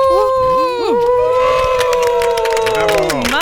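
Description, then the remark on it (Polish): Several voices in the Radio Warszawa studio cheer and whoop together for the listeners as a priest blows out candles for the station's 35 years, in loud, sustained, gliding tones, with a rough noisy edge that may be clapping mixed in, lasting a few seconds before the pitch swoops down. “To co, damy jakiś doping poproszę, tak żeby nasi słuchacze słyszeli.”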